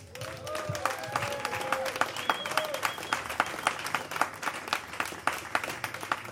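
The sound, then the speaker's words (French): Steady audience applause for the opening act at the Pêcheurs de chaussures song festival, with dense, crackling claps throughout, plus a few whistles and cheering voices rising above the clapping. “Et nous pouvons aussi encore remercier et applaudir bien fort à notre première partie,”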